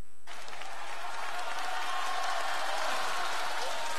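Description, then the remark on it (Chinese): A large audience claps steadily and enthusiastically, a dense wash of applause that starts abruptly and continues without pause, with faint crowd murmur mixed in. The applause greets crosstalk (xiangsheng) performer Yue Yunpeng at a New Year show. “谢谢观众的这个掌声，太热情了，我太开心了。”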